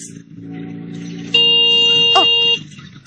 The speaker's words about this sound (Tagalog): Ay, sige, busina.